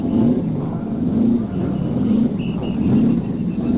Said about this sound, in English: Now we're going to listen to the cars start up. Here they are. One by one, those engines are turning over, and the race is just about ready for the first pace lap.